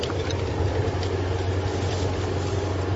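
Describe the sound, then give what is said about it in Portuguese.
A car engine drones as the vehicle approaches, a steady low rumble with a broad hiss over it, holding an even loudness throughout with no voices. “Ah, deve ser o carro do homem dos números.”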